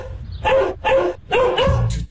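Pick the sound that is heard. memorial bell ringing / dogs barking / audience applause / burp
dogs barking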